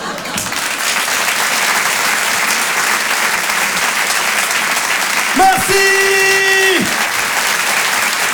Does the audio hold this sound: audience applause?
yes